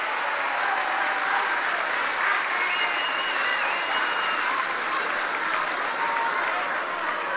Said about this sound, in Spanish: Yo creo que les duele cuando se recuerde el pasado, por eso gritan así de fuerte, ¿verdad?